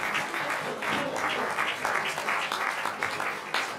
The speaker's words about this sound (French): On peut les applaudir, c'est formidable.